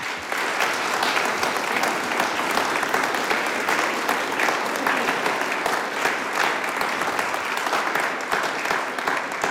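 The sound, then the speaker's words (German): Steady, dense applause from an audience for the Fuschler Dreigesang singing group and their accompanist, many hands clapping at once in a continuous crackling wash that holds a fairly even, loud level for about ten seconds with no voices standing out. “Und damit es nicht gar so trocken wird, kriegen die dabei einmal einen Applaus.”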